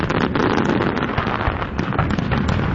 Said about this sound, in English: And after a rainy start in the morning, the evening was very nice for the annual Ford fireworks over the Detroit River.